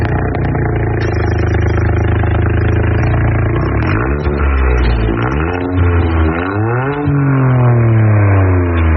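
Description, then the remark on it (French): A tuned Toyota Yaris GR4 with a modified three-cylinder turbo engine (260 hp stock) roars as it arrives, revving repeatedly with rising and falling pitch sweeps as it accelerates, loud and continuous with no voices. “Bon, elle a aussi une autre particularité, c'est qu'on entend arriver cette Toyota Yaris GR4.”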